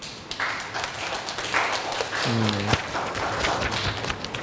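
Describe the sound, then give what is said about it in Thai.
Students in a class clap together for a group that has just presented their sensor project, a steady, dense patter for several seconds, moderately loud and continuous, with a brief squeaky tone or voice rising partway through. “ก็กลุ่มนี้ก็ได้นำเสนอชิ้นงานเป็นที่เรียบร้อยแล้วนะปรบมือให้เพื่อนหน่อยครับ”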